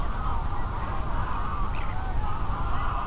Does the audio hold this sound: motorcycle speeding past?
no